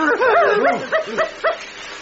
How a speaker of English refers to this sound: It's almost pitch black outside. Your little doggy's frightened again.